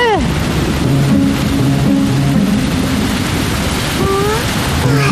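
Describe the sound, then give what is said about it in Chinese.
A steady, dense roar of heavy rain, growing heavier, pours down without letup, loud, with faint voices murmuring underneath. “这场雨是越来越大了，一波三折的”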